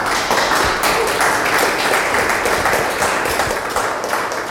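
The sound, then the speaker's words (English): A crowd of walk participants applauds warmly back at the gallery as an audio art walk ends, many hands clapping in a dense, steady patter that stays loud for several seconds without a break or any voices. “As the final phones fell silent, the buzzing masterpiece came to an end, prompting smiles and warm applause from the participants.”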